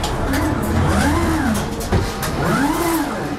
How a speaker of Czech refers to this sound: Jsme v hale velkoskladu a před námi jsou v hliníkové konstrukci ve vysokých až 6-metrových sloupcích vyskládané plastové bedny, takzvané biny. Nad nimi jezdí jako věž na šachovnici zhruba rychlostí běhu roboti. Jde o takzvaný systém Autostore,